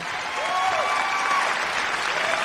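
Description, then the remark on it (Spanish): Steady, dense applause from a crowd, a continuous wash of many hands clapping at an even loudness, with faint tonal traces like whistles or cheers running through it; applause for all mothers on Radio Cultural TGN. “Y por supuesto, anticipadamente el saludo y el aplauso para todas las madrecitas que en esta linda tarde nos están escuchando y nos están sintonizando.”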